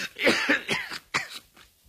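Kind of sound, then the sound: human body sound, violent coughing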